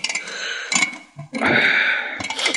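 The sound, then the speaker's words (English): Mechanical clicking and ratcheting as an alarm clock is set at 2 o'clock at night, with bursts of scraping clatter and a busy ticking texture, loud and alone with no voices. “I'll just set the alarm.”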